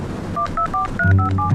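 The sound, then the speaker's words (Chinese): A quick run of six telephone keypad tones, short evenly spaced dual-pitched beeps, played over a low hum of background noise with no one speaking. “我给你拨一下。”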